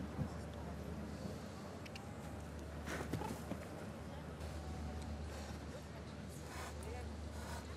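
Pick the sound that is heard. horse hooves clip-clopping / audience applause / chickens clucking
horse hooves clip-clopping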